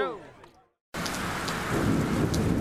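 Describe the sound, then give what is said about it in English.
A brief voiced shout fades into a moment of silence, then a loud, steady wash of heavy rain and storm noise abruptly fills the rest, continuous. “Top End communities have had it tough, with floods and storms damaging homes and contents.”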